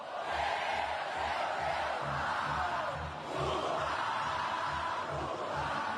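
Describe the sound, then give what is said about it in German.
A large crowd of supporters cheers and shouts continuously at a political rally for president Luiz Inácio Lula da Silva as he walks along a long runway, a dense roar of many voices with a steady rhythmic pulse underneath, loud throughout, dipping briefly before swelling again. “Er geht über einen langen Laufsteg, links und rechts jubeln die Anhängerinnen und Anhänger.”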